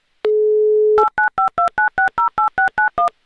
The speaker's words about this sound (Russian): Людмила, я набираю ваш номер телефона.